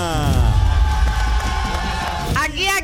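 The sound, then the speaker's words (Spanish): A loud, continuous roar of football fans cheering and chanting together, many voices blending into a dense sustained din, with a sharper, rising shout breaking through near the end. “¿Dónde están los hinchas de la América?”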